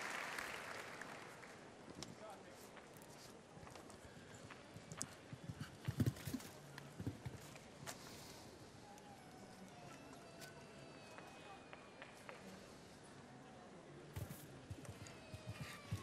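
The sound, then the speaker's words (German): Hooves of the 14-year-old horse Eddie Blue, ridden by Irish rider Dara Cunny (world ranking 39), thud and clop on soft arena ground in an uneven, ongoing rhythm, with a few sharper knocks amid a murmuring crowd ambience. “Dara Cunny, den Iren. Wir sehen es schön immer eingeblendet, die Weltranglistenposition 39. Sein Pferd ist 14, nämlich Eddie Blue.”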